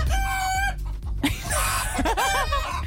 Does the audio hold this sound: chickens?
yes